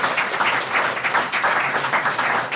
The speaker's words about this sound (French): Allez, on va vérifier qui fait partie d'une association, qui est bénévole dans cette salle. Applaudissez, comme ça on vous entend à la radio, parce que les mains levées, ça ne sert à rien.